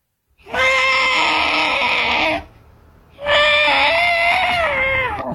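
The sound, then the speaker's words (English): A person's voice imitates an elephant that has its foot trapped in a hole and is calling out for help: two long, loud, wavering trumpet-like wails separated by a short pause, with strained, high-pitched tones. “What about an elephant that gets his foot trapped in a hole and is calling out for help?”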